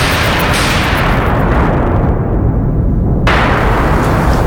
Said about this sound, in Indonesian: Langit mulai gelap menandakan akan hujan deras. Petir dan kilat bersaut-sautan di tengah angin kencang.